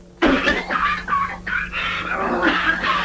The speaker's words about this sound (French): L'ouvrier brave avec sa mauvaise toux qui refuse de se faire soigner.